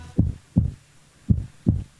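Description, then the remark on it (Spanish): A heartbeat thumps in two lub-dub pairs, deep and muffled, each beat a soft low pulse with a short pause between pairs. No voices, just the steady rhythm. “Escuchá cómo laten los corazones, escuchá.”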